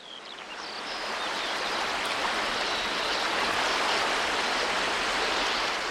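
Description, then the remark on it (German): Steady rushing wind and lapping waves along the shore of a lagoon cut off from the Black Sea and fed with water from the Danube, a dense continuous wash that swells slightly in the first second and then holds, with a few faint bird chirps early on. “Wind und Wellen formen ihre Ufer, lassen steile Kanten, Lebensraum für zehntausende Uferschwalben entstehen.”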